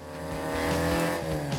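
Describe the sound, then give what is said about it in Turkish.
A fast car fitted with a short gear lever revs hard and accelerates, its engine note climbing in pitch, with a brief squeal of tires partway through. No one speaks. “Bayağı hızlı araba, öyle değil mi?”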